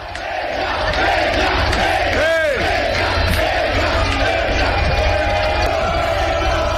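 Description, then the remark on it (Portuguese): A dense crowd of Vasco da Gama football fans in Buenos Aires chants and roars in unison at the team's hotel, a sustained, loud wall of voices with a sharp whistle-like whoop rising briefly near the start. “e foram recebidos com torcida, e eram justamente eles, os vascaínos, que acompanhavam o time hospedado no mesmo hotel para o jogo de ida da semifinal da Copa Sul-Americana.”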